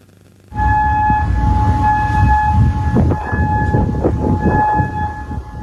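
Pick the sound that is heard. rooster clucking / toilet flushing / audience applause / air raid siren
air raid siren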